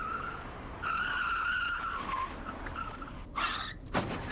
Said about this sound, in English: Oh, what are you doing? You ran right into that police car. That's the way I played it, honey. Hey, that wasn't very bright.